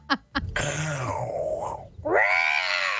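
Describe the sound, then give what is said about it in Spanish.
A person imitates a big cat's roar up close, a long snarling growl that breaks briefly and then surges into a louder second roar, preceded by two quick taps. “Diente de sable. Eso es como un gato en celo.”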